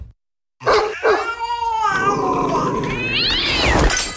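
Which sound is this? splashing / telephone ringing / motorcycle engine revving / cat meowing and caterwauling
cat meowing and caterwauling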